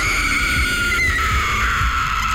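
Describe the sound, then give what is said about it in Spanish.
The ghostly wailing cry of La Llorona, a woman's sustained high keening tone that wavers and slowly glides downward, steady and loud over a low rumbling bed, with no speech. “Cuenta del por qué el llanto de la llorona.”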